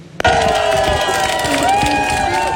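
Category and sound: crowd, crowd cheering and ovation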